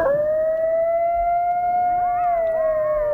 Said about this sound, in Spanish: Los lobos. No es un lobo. Un coyote. Sí, señor. Un coyote.